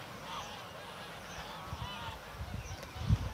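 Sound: goose honking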